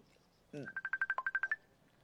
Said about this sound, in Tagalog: Oh, may nagpanawag. Oh, cellphone ko.